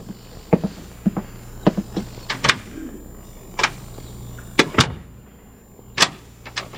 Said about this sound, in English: Our military people insist that you do not attempt to leave the hospital. The door will be locked.